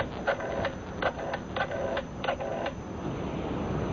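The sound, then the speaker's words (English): A telephone being dialed for a local call, with 9 dialed first: short clusters of dry mechanical clicks and whirs repeat over about three seconds, then give way to a steady low hiss. No one speaks. “Pick up the phone and dial 9 first.”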